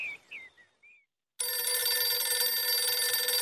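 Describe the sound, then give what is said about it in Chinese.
A loud, continuous telephone bell rings for about two seconds with a harsh, metallic rattle, an observation post calling Deng Baoshan at 9 a.m. It follows a few short, high chirping tones and a brief pause. “第二天上午9点，邓宝山布置的观察哨就打电话告诉邓宝山：“ 邓副司令，徐永昌在5分钟之前乘飞机走了。”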